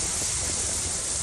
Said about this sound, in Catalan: Aquest que sentiu era el so de la pluja a Mahó, però més que l'aigua, allò que ha fet més mal ha estat el vent.